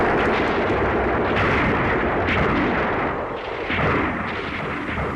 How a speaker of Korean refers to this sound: 적탄이 쾅 날아와 눈판에 검은 흙덩이들을 뿌리고 바위들을 날렸다.